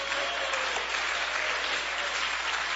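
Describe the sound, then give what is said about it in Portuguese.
A church audience claps hands for Jesus in a steady, dense wash of applause that stays loud and even throughout, with no voices standing out above it. “Ô, glória, pode bater mais forte as palmas para Jesus.”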